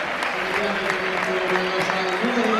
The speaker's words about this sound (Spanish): Se va Camello. Se retira Sergio Camello. Esta es la ovación del Estadio de Butarque. Esta es la ovación del Barre Vallecas a Sergio Camello.